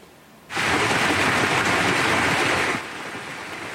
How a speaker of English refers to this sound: See the size of that hail coming down. A red alert was issued for the Claresholm region around 5 p.m., warning of strong wind gusts, hail, and heavy rain.